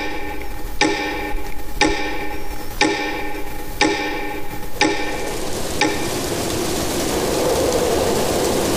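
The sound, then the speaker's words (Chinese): A clock ticks steadily, about one sharp tick per second for six beats, then the ticking fades into a soft, continuous hiss. “他一生的生活起居就像他喜欢的钟表一样，滴答有序。”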